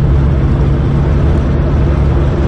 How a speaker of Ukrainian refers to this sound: Але як би важко не було, машина з градами заряджена. І знову виїжджає на стартові позиції.